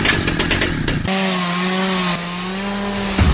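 A chainsaw roars loudly and steadily, first with a choppy cutting rasp, then settling into a sustained high-revving drone before briefly bogging into wood again at the end; tied to the Husqvarna chainsaw tournament in the Teófilo Otoni region of Brazil.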